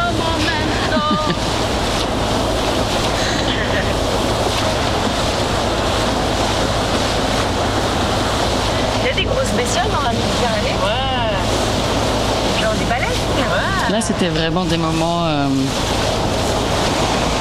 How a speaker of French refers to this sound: Ça, c'est le bateau qui mène de l'Estac au vieux port de Marseille. La navette.